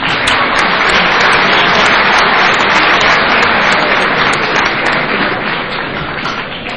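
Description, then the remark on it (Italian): An audience at a university department applauds steadily for several seconds to welcome the head of the department's computing centre, a dense wash of many hands clapping at once, loud throughout and easing slightly toward the end, with no voices over it. “Che vi prego di accogliere con un applauso.”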